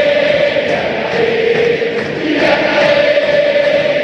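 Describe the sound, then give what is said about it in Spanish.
A large crowd of Racing football fans chants in unison in Avellaneda, Argentina, a loud, steady mass of voices holding a sustained melodic line over dense roar for the full few seconds, with no clear speech. “Los hinchas de Racing vienen a ver al equipo de Boivoda. Y ahí está el folclore de la gente.”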